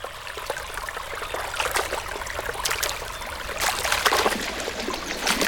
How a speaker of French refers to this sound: Oula, ça s'agite dans la rivière. C'est la panique chez les poissons, on dirait. S'ils sautent comme ça, c'est qu'il y a un prédateur dans le coin.